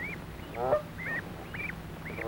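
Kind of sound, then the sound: bird, geese honking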